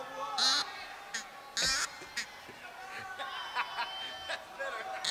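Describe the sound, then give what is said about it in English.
A goose call is blown in two loud, reedy honking blasts, followed by a string of softer, shorter squawks and clucks from the call. “This is not a duck call, this is a goose call.”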